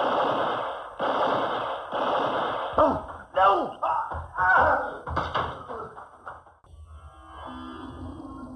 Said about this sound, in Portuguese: Depois dos tiros, joguei a arma longe e tratei de fugir.